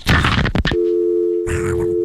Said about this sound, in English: People really thought I was hanging the phone up, but I had a sound effect. I made this sound effect in Philadelphia because I wanted, like, you know, radio.